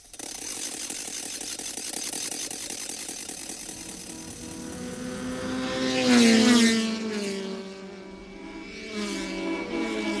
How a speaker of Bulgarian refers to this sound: Включ моторче!